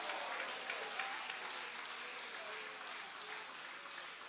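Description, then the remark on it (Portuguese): An audience applauds Jesus at a church service in a steady, dense wash of clapping that holds at an even level throughout, with faint voices mixed into the ovation. “Pode aplaudir, é para Ele as suas palmas.”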